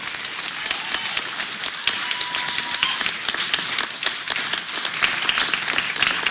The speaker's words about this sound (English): Now, you can applaud now if you want.